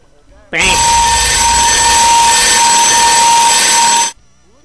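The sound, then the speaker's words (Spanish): A loud, harsh electronic alarm blares continuously for about three and a half seconds, steady and piercing with a buzzing edge, starting and stopping abruptly, with a brief voice just before it begins. “Dame una alarma, Willy.”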